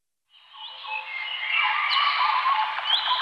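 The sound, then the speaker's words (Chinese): A dense chorus of birdsong rises after a brief silence, with many overlapping chirps and warbles filling the scene steadily and fairly loudly, with no talking. “鸟鸣，溪流，森林，草原，大海。”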